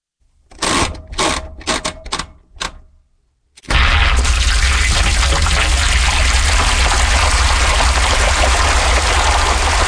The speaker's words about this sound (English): This is a washing machine, and it's been turned into music.